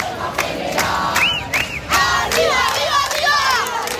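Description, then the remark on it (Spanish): A dense protest crowd in the Puerta del Sol shouting and chanting together, loud and continuous, with individual voices rising in high, wavering yells above the steady roar of many people. “Este es el sonido que se está viviendo desde primera hora en la Puerta del Sol”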